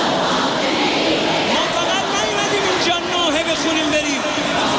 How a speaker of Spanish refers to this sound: Es el sonido de las miles de personas que han acudido a la gran mezquita de Mosalla en Teherán para despedir al dirigente. Durante la ceremonia se han escuchado gritos de venganza, mientras muchos asistentes se golpeaban el pecho en señal de duelo,